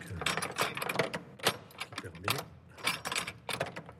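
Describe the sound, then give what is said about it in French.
A key unlocks the door of a cathedral treasury, giving a run of sharp metallic clicks, scrapes and rattles in an irregular rhythm, with a few louder clunks as the mechanism turns. “Et voilà, la clé du trésor.”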